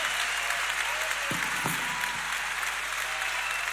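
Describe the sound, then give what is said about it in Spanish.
An audience applauds steadily at a live concert at the Teatro Ópera, a dense, continuous wash of clapping that holds evenly for a few seconds, with a couple of brief lower thumps or voices surfacing partway through. “Los aplausos”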